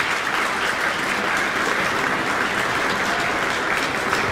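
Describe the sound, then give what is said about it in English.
An audience claps steadily in dense, sustained applause for violinist Benjamin Baker and pianist Madeline Zhao after Deep River from Samuel Coleridge-Taylor's 24 Negro Melodies, a broad crackling wash of many hands that stays loud and even throughout, with no voices standing out. “And an audience applauding violinist Benjamin Baker with pianist Madeline Zhao.”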